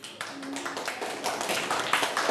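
Students clap together for their teacher, who asked for applause before singing a song about ASEAN currencies, in steady, crowded applause for about two seconds, the hand claps blending into a dense patter with a faint voice briefly audible underneath.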